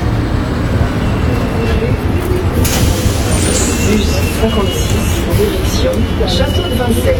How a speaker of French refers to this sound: Ah, voilà le bus.